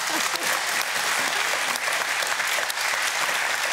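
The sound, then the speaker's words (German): An audience claps steadily for a caller from Goslar on a phone-in prize show, a dense, loud wash of many hands with no pauses or speech, holding an even level throughout. “Der Applaus geht nach Goslar.”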